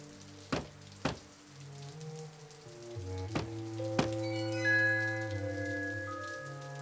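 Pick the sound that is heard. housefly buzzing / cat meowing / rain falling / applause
rain falling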